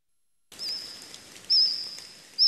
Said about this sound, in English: 165 million years ago, the forest may have sounded like this. Using the fossil record and AI, scientists have modeled the calls of insects that lived alongside dinosaurs.